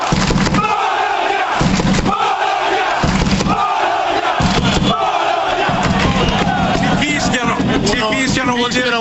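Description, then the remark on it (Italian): A large crowd of football fans in the curva sud of a stadium chants together in loud, rhythmic bursts, voices rising and falling in a repeated pattern with heavy low drumming or stamping underneath, sustained throughout. “Facciamo ancora sentire la voce della curva, perché siamo qua apposta.”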